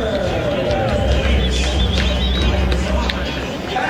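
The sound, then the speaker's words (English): A lighter ballpark crowd on a Wednesday night murmurs steadily before the first pitch, a continuous wash of indistinct chatter from many voices at an even, moderate level with a few brighter calls rising above it. “Lighter crowd on this Wednesday night, at least with first pitch approaching.”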